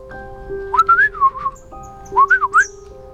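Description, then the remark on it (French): Someone whistles two short, warbling phrases in the language of a small blue-feathered sparrow perched on the rim of a well, clear, with a pause between them and a soft sustained tone humming underneath. “qui connaissait son langage, se mit alors à siffler.”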